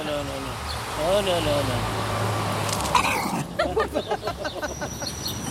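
A female dog growls at another dog seen through a wire fence, in a low, rumbling drone for a few seconds, followed by a run of short, rhythmic huffing bursts, against faint outdoor background noise.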